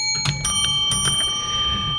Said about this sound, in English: I think we do have to ring the bell, though. Yeah, let's do that. Is it your bell, my bell?